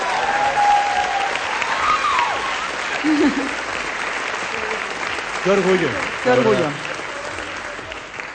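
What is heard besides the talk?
audience applause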